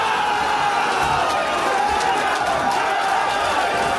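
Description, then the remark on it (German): A large crowd of fans roars and cheers steadily for several seconds at the DFB-Pokal first-round draw, as the fifth-division club from St. Tönis is drawn against Eintracht Frankfurt. It is a dense, loud wash of many voices with scattered whoops and shouts rising out of the din. “Und da gab's großen Jubelsturm, als da der Fünftligist in der Box war und den Gegner zugelost bekommen hat.”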